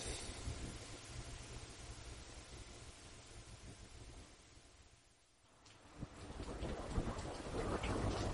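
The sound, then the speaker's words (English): Steady rain pours down on a cold day in a dense, hissing wash, easing briefly midway before returning heavier, with low rumbling like thunder underneath and no voices. “It's a cold and rainy day.”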